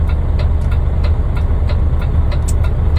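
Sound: car engine running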